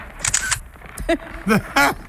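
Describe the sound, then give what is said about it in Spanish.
A camera shutter clicks in a quick, bright burst near the start as someone takes a selfie, followed by a few short voiced sounds from a person. “Ven, hazte un selfie conmigo. A ver, sonríe.”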